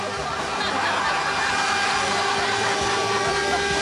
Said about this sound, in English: We're right on the cane line here, and that's a cane train heading to